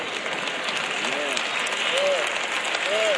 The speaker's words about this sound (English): Y'all notice how the claps are getting lower and lower and lower.